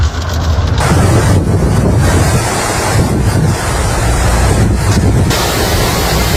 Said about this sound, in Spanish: Nada, estamos atrapados, no podemos pasar de la cantidad de agua que cae.